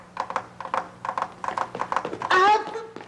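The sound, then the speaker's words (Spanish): A guitar is knocked to mimic horse hooves: steady, galloping clip-clop taps in quick pairs and triplets, fairly bright and dry, ending with a short loud vocal cry. “Para que la gente crea que es un caballo. Sí. Pero no es caballo. Soy yo con la guitarra.”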